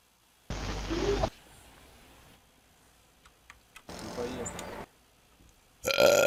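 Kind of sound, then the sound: human body sound, burp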